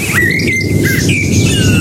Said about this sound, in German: Wir müssen an dieser Stelle mal über die Folgen von übermäßigem Radiokonsum sprechen. Im Allgäu, in Elisas Garten zwitschert eine Amsel unsere Antenne Bayern Melodie.